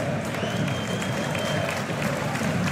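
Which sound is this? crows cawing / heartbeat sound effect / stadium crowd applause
stadium crowd applause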